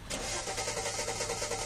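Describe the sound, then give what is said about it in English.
A car engine cranks over and over with a steady, rapid churning rhythm, loud, never catching or turning over into a running idle. No voices. “How did you leave the lights on? You've already lost the spare tire. Now you need to let the battery run down.”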